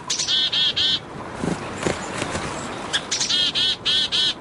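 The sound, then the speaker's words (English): A mixed-species winter flock of small birds calls in quick bursts of bright, harmonic chirps, clustered at the start and end, with a few softer calls and chips scattered between, clear. “Many winter flocks include members of different species, banding together to brave the cold.”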